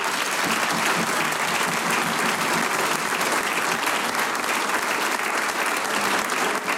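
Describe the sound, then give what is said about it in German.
Sustained audience applause thanking the sound and recording crew, a dense and steady wash of clapping that stays loud and even throughout, with no voices standing out above it. “Großer Applaus.”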